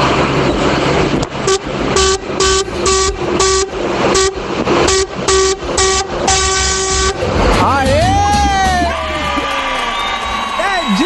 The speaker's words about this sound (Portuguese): Falando, meu filho, o povo tá buzinando com vontade, hein?